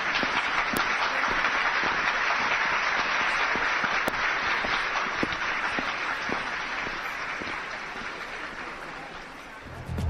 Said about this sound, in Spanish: Un aplauso, por favor.